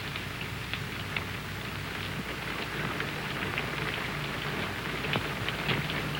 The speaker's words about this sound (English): It's only the rain. I hate the rain. I like it. I'm afraid of the rain.